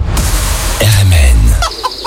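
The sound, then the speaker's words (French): Chickens cluck loudly, a few short squawky calls followed by a longer drawn-out cackle, with farmyard noise in the background. “44e foire aux oiseaux, 17e foire aux volailles et 3e foire aux plantes à Pontivy.”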